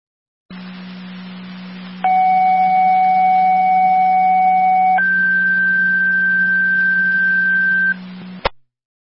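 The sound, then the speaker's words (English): Two sustained fire dispatch alert tones for an ALS call, sent over the radio by Fire Control, play in sequence over a steady radio hum. A lower pitch is held about three seconds, then a higher one for about three more, ending in a sharp click. “Time for Search Community requesting tones for ALS.”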